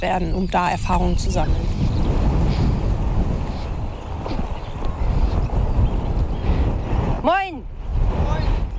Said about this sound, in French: Il y a beaucoup trop de vent.